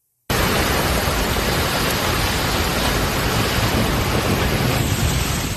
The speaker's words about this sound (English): Kearney, Missouri, heavy rain, strong wind slammed the city. Kearney's just northeast of Kansas City.